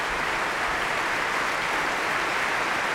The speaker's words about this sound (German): Und hier gibt es großen Applaus gerade für die Trompete und die Bläser des Deutschen Symphonieorchesters, die jetzt nochmal alle aufstehen lässt.